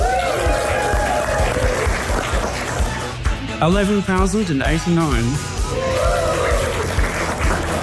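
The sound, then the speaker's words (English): An audience at a presentation claps and cheers steadily for several seconds after the presenter says a number, with whoops and shouting voices rising and falling over a dense wash of applause. “For the entire presentation, I'm going to just say a number and then everyone's going to clap and cheer.”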